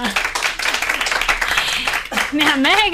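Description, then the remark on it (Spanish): A TV talk show audience applauds steadily for a guest making her entrance, a dense wash of clapping throughout, with voices calling out and cheering over it toward the end. “¡Un aplauso para ella!”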